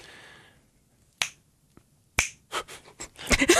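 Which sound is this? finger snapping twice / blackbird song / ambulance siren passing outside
finger snapping twice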